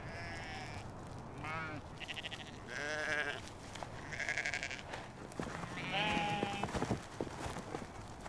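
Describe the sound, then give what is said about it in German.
Several sheep of an ancient hardy domestic breed and their newborn lambs bleat in spring in the Scottish Highlands, in overlapping, wavering calls, some higher-pitched and thin, others deeper, heard outdoors over a steady background. “Früh im Jahr kommen die Lämmer zur Welt. Die Schafe gehören zu einer uralten Haustierrasse, die sich an die harten Bedingungen der schottischen Highlands angepasst hat.”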